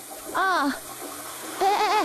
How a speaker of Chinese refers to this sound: 洗什么呢？水龙头开那么大，你以为是在单位啊？